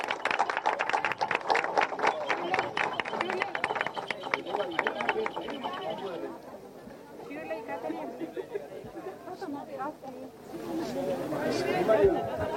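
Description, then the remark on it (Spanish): A crowd claps loudly and steadily for several seconds at a key handover ceremony for the La Amistad project in Paraguay, attended by President Santiago Peña. The applause thins out into a murmur of overlapping voices and chatter. “Fuerte los aplausos.”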